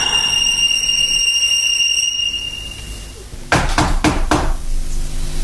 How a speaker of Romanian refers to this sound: Bate la ușă.